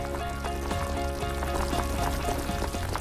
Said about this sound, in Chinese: 竹柴入火，竹焰升腾，只需要放入最普通的底料，在沸水的加持下，自然的竹清香缓缓漫开，它既中和了辣锅的油腻，也调出了鲜美的竹香高汤。